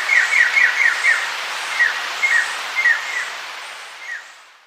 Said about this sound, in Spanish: El trino del arrendajo escarlata forma parte del Banco de Sonidos de Aves Colombianas, recopilado por el Instituto von Humboldt y la Universidad de Cornell.